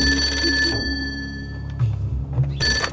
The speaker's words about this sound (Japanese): はい、もしもし。 大内につなげ。 大内院長、陛下からの電話です。